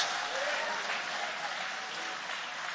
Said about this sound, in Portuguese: Levantem as mãos e aplaude o nome de Jesus.